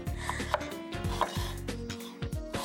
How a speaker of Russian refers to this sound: Сегодня мне досталось шинковать лук.